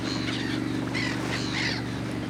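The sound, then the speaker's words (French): Several harsh seagull cries ring out in quick succession over the steady low drone of a motorized fishing boat returning to port after fishing, the gulls following the boat. “Ce sont des mouettes.”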